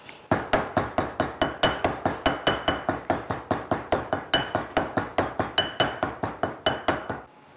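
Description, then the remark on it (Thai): A pestle pounds nam prik kapi (Thai shrimp paste chili dip) steadily in a mortar, about four firm thuds per second with a slight clack on each strike, keeping an even rhythm for several seconds with no talking. “น้ำพริกกะปินะคุณผู้ชมเป็นอีกหนึ่งอย่างค่ะที่ยังไงก็ต้องพึ่งครก”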